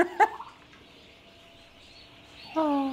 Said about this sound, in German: Sogar ein paar Hühnerküken